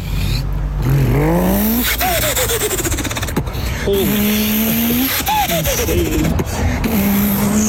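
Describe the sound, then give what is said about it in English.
A person vocally imitates a car engine revving, with rising and falling buzzy pitch sweeps repeated several times, loud, over a noisy background. “promises bigger cars and louder engines”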